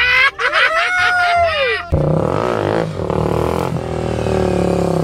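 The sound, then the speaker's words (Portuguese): A motorcycle engine revs loudly up and down in pitch for a couple of seconds as the rider lifts the front wheel off the ground in a wheelie, then keeps roaring at a steadier, rougher drone with voices mixed in. “É, eu chamo a moto no grau.”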